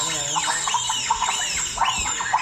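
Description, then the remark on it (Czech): A female doctor imitates bonobo chimpanzee calls: about five high, shrill, rising-and-falling squeals in a quick, steady rhythm, loud and continuous with no talking. “Nejsou to surikaty, jsou to šimpanzi bonobo.”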